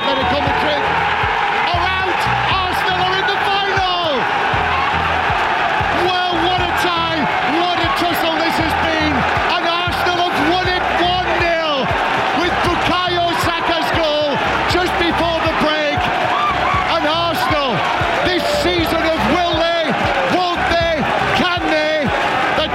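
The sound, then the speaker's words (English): A huge football crowd at the Emirates in North London celebrates at the final whistle as Arsenal beat Atletico Madrid 1-0 to reach the Champions League final, a loud, unbroken wall of cheering, whooping and shouting voices that rises into chant-like singing and holds steady for over twenty seconds. “The delirium in North London at the final whistle as Arsenal beat Atletico Madrid 1-0 at the Emirates, 2-1 across two legs.”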